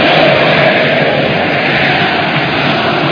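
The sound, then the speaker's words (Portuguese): A Palmeiras crowd at Allianz Parque chants Flaco Lopes' name as the player leaves the field with Palmeiras leading 4-1, a loud, dense and steady wash of massed voices that holds without a break for the whole stretch, with no single voice standing out. “É Flaco Lopes, o grito da torcida aqui no Allianz Parque, na saída do jogador.”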